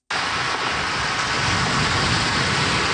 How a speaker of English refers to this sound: Waves crashing to shore, growing larger by the hour as the eye of the storm nears Mexico. Hurricane Simon is a Category 4 storm and is expected to intensify Sunday evening.